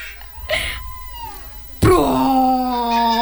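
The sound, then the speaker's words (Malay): A storyteller's voice imitates a bear's fart in an Indonesian children's tale: a short breathy puff, then a sudden loud, low, buzzing blat held for over a second with a steady droning pitch. “Suara kentutku tidak seperti itu. Suara kentutku seperti...”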